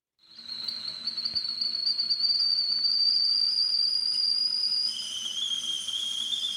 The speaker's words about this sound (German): Tja, ein Geräusch, das vielleicht viele als Wintergeräusch einstufen würden, aber mein Teekessel pfeift auch an solchen heißen Tagen wie heute, denn da trinke ich besonders gern warmen oder lauwarmen Tee